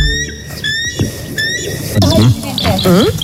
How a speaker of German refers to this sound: Also so klingt zum Beispiel der echte Weißkopfseeadler.